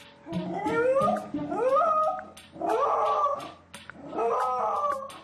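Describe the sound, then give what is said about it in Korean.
A pet, Suni, howls and wails mournfully in four long, drawn-out cries that rise in pitch, loud, with short pauses between them and no one speaking; recorded on an observation camera while the owner is away at an auction. “시간이 흐를수록 더욱 서럽게 울부짖으며 하울링을 하는 순이.”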